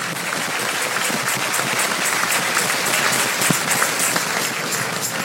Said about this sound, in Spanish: Dale un aplauso al Rey en esta mañana. Dale un aplauso al Rey.